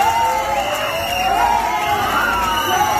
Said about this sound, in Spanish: Y fuera, los abucheos no cesaron.